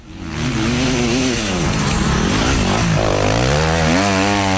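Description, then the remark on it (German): Motocross motorcycle engines race at full throttle at the Motocross Lingen race near Lingen, held one summer weekend by the local motorcycle racing team, a loud continuous buzzing whine that rises and falls in pitch as the riders rev and shift, with no voices. “Betonung auf eigentlich, weil heuer ist nichts mit Motocross-Geräusch.”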